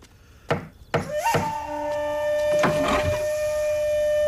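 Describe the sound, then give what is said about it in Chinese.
Two or three sharp, fairly loud knocks on the door of an inn room, followed by a sustained ringing tone and a couple more dull thumps, with no one speaking. “听到敲门声，程父赶紧把刀藏到被子下面，然后过去开门。”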